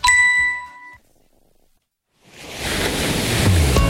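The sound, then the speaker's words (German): A bright chime rings and fades, then after a brief silence waves of the Mediterranean Sea wash in on a mild May evening, a steady broad rushing surf growing louder through the end with no one speaking. “Chefin, stell dir vor, ein lauer Maiabend, das Meer glitzert.”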